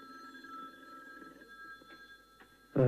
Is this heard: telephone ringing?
yes